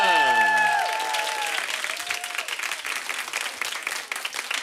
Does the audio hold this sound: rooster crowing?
no